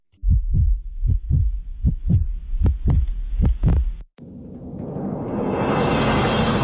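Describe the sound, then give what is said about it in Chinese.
A heartbeat sound effect: about ten deep, booming thumps in a steady, slightly quickening rhythm, cut off by a broad rushing roar that swells and brightens. “心跳再加速，名额再燃烧，”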